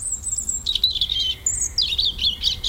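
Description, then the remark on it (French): A European robin sings a clear, high warbling song in varied, flowing phrases with brief pauses, fairly loud over a faint low background hum. “Non, crie le rouge-gorge.”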